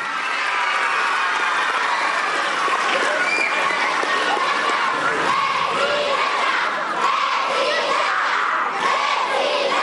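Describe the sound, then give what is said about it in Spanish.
A large crowd applauds and cheers loudly and continuously for about ten seconds to welcome Mexican President Claudia Sheinbaum Pardo at an event. A dense wall of clapping mixes with shouts and whistles and holds steady without letting up. “Recibamos con un fuerte aplauso a la presidenta, doctora Claudia Sheinbaum Pardo.”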